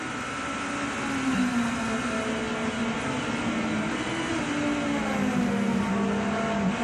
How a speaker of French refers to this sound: Ça passe très très fort ici, elle accepte bien les vibreurs cette BMW.